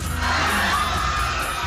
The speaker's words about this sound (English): A scream. Screaming people.